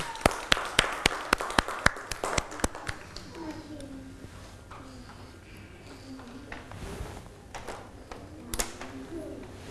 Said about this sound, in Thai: เด็กๆปรบมือให้น้อง